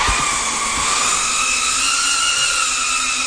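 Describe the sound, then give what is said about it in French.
A steady, high-pitched buzzing whine of small drone propellers hovering, holding a constant pitch with slight wavering throughout, with no voices present. “C'est pour offrir un espace à ceux qui voulaient apprendre à piloter des drones que Viestur Silenics, spécialiste en sécurité civile, a ouvert Drone House dans la banlieue de Riga, la capitale lettonne.”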